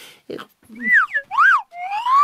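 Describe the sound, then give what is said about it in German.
A whistle blown in several sliding notes: a swooping tone that dips, a higher arching glide, then a long steady note creeping upward in pitch, after a couple of soft puffs at the start. “Na dann pfeife halt.”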